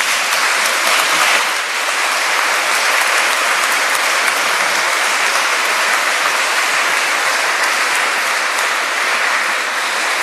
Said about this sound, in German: Begrüßen wir Jesus und die Mutter Gottes hier in Maria Tafel mit einem Applaus.